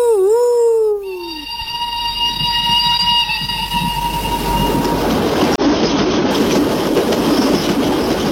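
A train rumbles past, opening with a shrill, bending whistle that settles into a steady high tone before fading, while the heavy rolling rumble continues loudly to the end.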